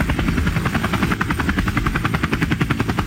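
A helicopter's rotor thumps steadily and loudly, a rapid rhythmic chopping that stays constant throughout, with no voices.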